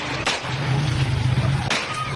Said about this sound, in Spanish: Primero, cómo llega y si podemos ponerle más volumen y cómo hay disparos.